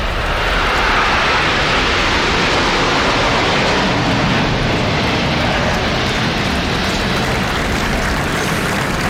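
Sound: aerobatic jet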